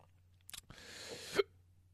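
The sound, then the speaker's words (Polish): A brief click, then one raspy burp from a person who has drunk too much whisky, lasting under a second and ending with a sharp little catch, with nothing else around it. “O Jezu, mi się bekać chce się.”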